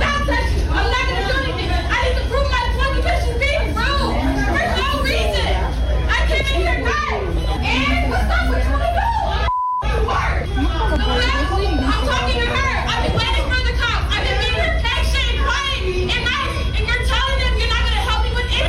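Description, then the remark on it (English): Busy McDonald's restaurant din: constant crowd babble with children's voices, broken by a brief high electronic beep from the fries station midway, just after a momentary drop-out, and faint tonal chirps from kitchen equipment underneath. “That's McDonald's. It's the beeps in the background.”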